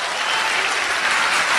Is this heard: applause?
yes